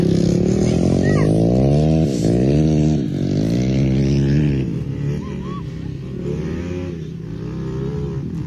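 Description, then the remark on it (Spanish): Several motorcycle engines rev and rise in pitch in loud, overlapping waves as young riders, surrounded by police, try to escape, then ease slightly while a crowd murmurs faintly underneath. “Se escucha el ruido de las motos, ¿no?”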